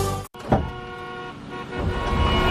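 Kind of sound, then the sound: vehicle, car horns honking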